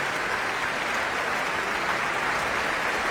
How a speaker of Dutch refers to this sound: Het Radio Philharmonisch Orkest onder leiding van Tiani Lou speelde Scheherazade van Rimsky-Korsakov. Met een groot applaus hier in de grote zaal van het Concertgebouw in Amsterdam. Voor dirigente Tiani Lou.